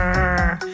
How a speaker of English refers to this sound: And eavesdropping on rockfish to tell one type from another. It sounds like this croaking, grunting.